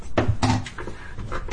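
Clatter of someone pulling a big saucepan from a cupboard to cook peppers: a few sharp knocks and rattles, with a cupboard door thudding, and no talking.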